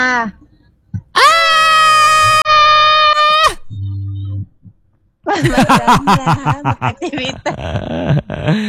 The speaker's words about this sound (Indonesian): Teriakan maut itu tadi ya.